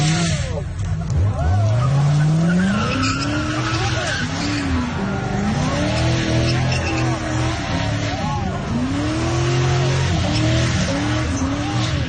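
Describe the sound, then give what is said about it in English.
Car tires screech loudly and continuously as a red Corvette does a burnout on the opposite side of the road, the squeal wavering up and down in pitch over a roaring engine, filling the whole stretch. “And he was on the opposite side of the road and he was starting to do a burnout.”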